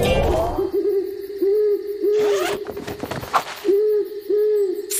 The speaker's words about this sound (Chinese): 嘿，猪猪，什么声音？ 没事的，亚历克斯，只是猫头鹰在叫。